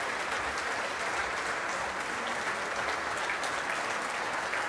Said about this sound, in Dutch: Nou, het publiek is erbij gaan staan. En het orkest ook. Het orkest applaudisseert mee voor de solist, voor Natalia Milstein.